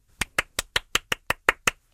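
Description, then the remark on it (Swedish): Hands clapping: about nine crisp, sharp claps in a quick, even rhythm, fairly loud, with no voices. “applåder för Bubbel som bubblade så fina B-bubblor”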